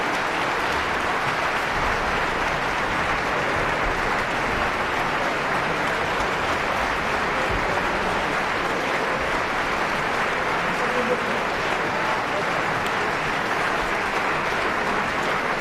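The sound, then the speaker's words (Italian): A large concert audience applauds the Orchestra della Svizzera Italiana, conducted by Gianandrea Noseda, at one of the RSI autumn concerts in 2001, a dense, continuous wash of clapping that stays at an even, fairly loud level throughout, with no voices standing out. “E con questi applausi tributati all'Orchestra della Svizzera Italiana diretta da Gian Andrea Noseda nel 2001 in uno dei concerti d'autunno della RSI, termina il nostro concerto della domenica”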